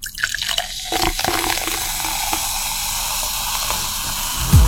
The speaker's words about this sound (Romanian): Sucul cu acid turnat în pahar.